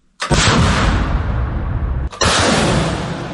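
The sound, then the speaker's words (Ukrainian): Ukrainian defenders fire rockets from a launcher at Russian occupiers' positions in the Zaporizhzhia area: a loud, sustained roaring blast that runs nearly two seconds, breaks briefly, then a second launch roars just as loudly right after. No voices. “Саме так ракети від партизана називають захисники, летять по окупантах.”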